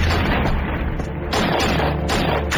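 A loud, dense barrage of gunfire with heavy booming low end, depicting shots raining over the Shanghai Bund and the Huangpu River in 1927. Shots overlap continuously and swell in sharp surges about every second, with no voices.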